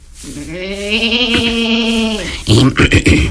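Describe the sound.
A goat gives one long, wavering bleat lasting about two seconds, loud, followed by a brief burst of a person talking.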